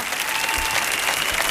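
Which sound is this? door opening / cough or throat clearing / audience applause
audience applause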